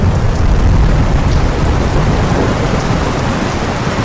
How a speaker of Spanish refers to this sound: Esa noche llovió.